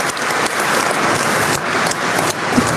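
An audience applauds steadily, a dense wash of many hands clapping at an even, fairly loud level throughout, with no voices standing out.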